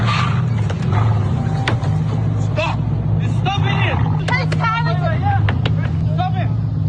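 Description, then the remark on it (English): A Mercedes engine hums steadily as the car reverses through the car park of Parkmore Shopping Centre while bystanders shout urgently over it, a man pushing against the boot and a woman banging on the driver's side window, with sharp knocks and bangs scattered through the commotion. “Parkmore Shopping Centre early yesterday shows bystanders trying to stop the car from leaving, but it continues reversing through the car park, despite having a man pushing against the boot and then a woman banging on the driver's side window.”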